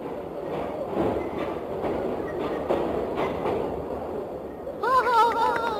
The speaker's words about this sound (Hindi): हाँ बच्चों, देखा, ये है सचमुच की रेलगाड़ी। वो सबसे आगे इंजन है और उसके पीछे डिब्बे।